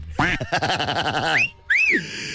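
A fast, buzzy run of quacks from Pipón the duck chatters for about a second, then breaks off into a short, high whistling tone that rises and falls.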